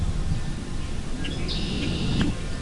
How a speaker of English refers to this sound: So this beautiful green space on both sides of us. And hang on a second. Just listen to these birds.